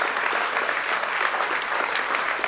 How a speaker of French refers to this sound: Vous pouvez applaudir ceux qui croient en cette bénédiction.